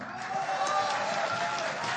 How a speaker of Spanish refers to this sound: Fuerte aplauso para